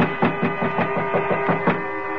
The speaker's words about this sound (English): When I heard his footsteps on the stairs leading to our floor